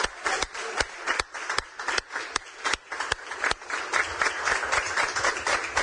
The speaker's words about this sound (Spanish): Esto merece un aplauso una vez más, por favor.